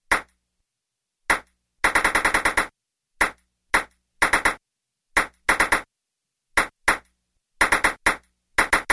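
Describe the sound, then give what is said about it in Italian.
A small ball bouncing in quick, sharp clicks during the Nick Pong game on the radio show 105 Super Weekend, where listeners count the bounces in 10 seconds; the hosts say it bounced 14 times. Bounces arrive in irregular bursts: single taps, pairs, and rapid flurries, with silence between and no voices. “Difficile, quanti rimbalzi ha fatto questa pallina?”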